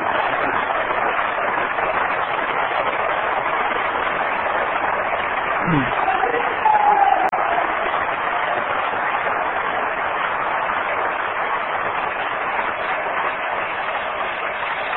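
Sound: audience applause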